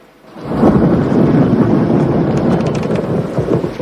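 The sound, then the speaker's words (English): Deep rolling thunder from a nighttime thunderstorm rumbles loud, sustained for several seconds, with gusting wind and a steady hiss of rain underneath; no voices. “A nighttime thunderstorm lights up the sky.”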